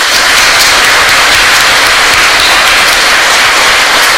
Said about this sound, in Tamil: இப்ப நீங்க உங்களுக்காக ஒரு தடவை தயவு செஞ்சு கை தட்டுங்கப்பா.